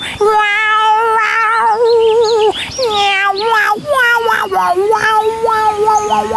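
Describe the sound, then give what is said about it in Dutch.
A voice imitates a cat, drawing out a string of wavering, sing-song meows that slide up and down in pitch, loud, almost like a bowed violin, continuing without pause for several seconds. “Ik kan miauw en als een viool.”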